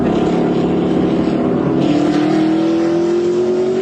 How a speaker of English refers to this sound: Street racing on the Buckman Bridge.